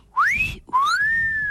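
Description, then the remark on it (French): A person whistles in imitation of a myna bird's call: two loud, clear rising whistles, the first short and sharp, the second longer and leveling off at a high pitch. “Et au moment où elle allait porter son swing, il y a le Merle des Indes qui fait...”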